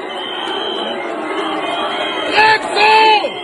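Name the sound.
crowd shouting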